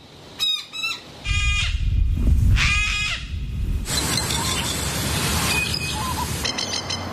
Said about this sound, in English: The first one was the rainbow lorikeet, a noisy miner. They're noisy. Sulfur-crested cockatoo. That was the sort of screaming one.